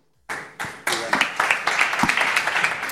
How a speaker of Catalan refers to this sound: no sé si els aplaudiments seran per tu, per la darrera pregunta, o...